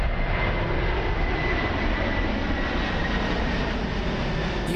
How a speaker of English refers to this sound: love it or hate it, the sound of a plane flying overhead. But what if I told you there's a place you can see it and hear it where it won't ruin a good night's sleep? Well, from today, that place is Fellowship Place at Brisbane Airport.